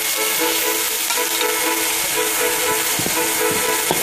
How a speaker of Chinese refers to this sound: 他把切好的松茸粒倒入油锅反复煸炒